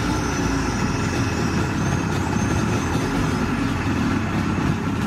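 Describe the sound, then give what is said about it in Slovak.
A motorboat engine drones steadily and loudly throughout, a dense low rumble with a rough, churning texture and no pauses or change in pace. “Čaute, je to zvuk z motorového člna.”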